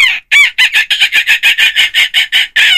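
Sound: seagull calls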